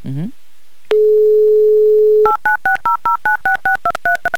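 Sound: telephone dialing tones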